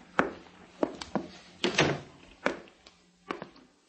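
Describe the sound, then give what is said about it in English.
A door being opened: a series of sharp thunks and clicks at an uneven pace, with a slightly longer rattling scrape in the middle, fairly quiet and with no voices. “The next step, up the stairs, through the door, to prove my faith to Comrade Hastings.”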